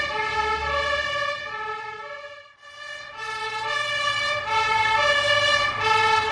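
A loud fire engine siren wails continuously with strong harmonic tones, briefly dipping before rising again, over the low rumble of the moving vehicle as it drives out onto the A1 motorway to a crashed tanker truck with burning petrol. No one speaks.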